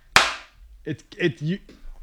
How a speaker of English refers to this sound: Do you ever notice that when you clap in this room, it sounds a little different because of all the soundproofing in here? You ever notice that? It's weird.